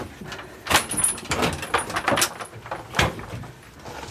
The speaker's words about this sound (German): Ich halte die Tür auf. Jawohl.